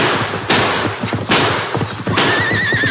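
Horses whinny loudly over a dense clatter of hooves and heavy thuds, the pounding continuous, with a shrill, wavering neigh rising near the end.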